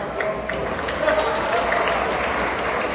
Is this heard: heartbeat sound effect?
no